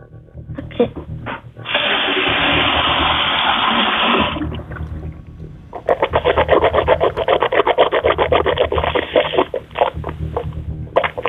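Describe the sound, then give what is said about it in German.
Someone in a kitchen gargles water held in the mouth in two bouts: a steady hissing, bubbly stretch of a few seconds, then after a brief pause a longer, rapidly pulsing gurgle, heard over a thin, muffled line. “Und das beweist uns einmal bitte, indem du in die Küche gehst und einmal so mit Wasser im Mund gurgelst.”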